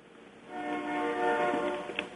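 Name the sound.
passing train with horn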